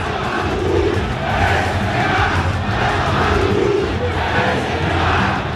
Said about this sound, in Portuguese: Olha só, a vaia. É o … puxando a fila. Xingamento pro Neymar, peraí.